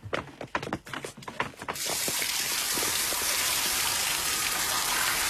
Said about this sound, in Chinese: 哎，大先生 啊， 要么我带你到淋浴间冲个澡再走吧。啊， 好，走。